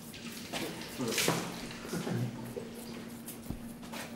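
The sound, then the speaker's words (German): Cold tap water runs steadily into a bucket during a veterinary operation on a deer, a broad splashing hiss with a faint constant hum underneath and a sharp clank near the end. “Ich brauche mal irgendwie einen Eimer mit ein bisschen Wasser, so viel Wasser drin oder so. Einfach kaltes Wasser, so wie es kommt.”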